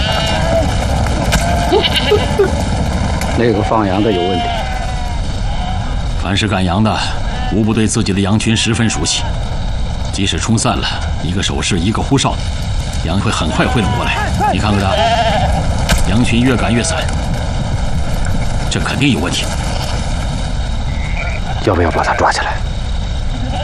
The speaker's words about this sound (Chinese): 你看看那些羊，一定是受到了飞机的惊吓。 羊群是受到了惊吓，但这个赶羊的像个牲畜啊。